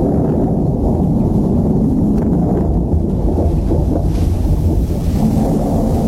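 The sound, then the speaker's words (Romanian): Low, heavy thunder rumbles continuously through a steady downpour, loud, with a dense wash of rain noise and occasional gusty buffeting over the whole stretch. “Asta e carul Sfântului Ilie. S-a negurat văzduhul a ploaie.”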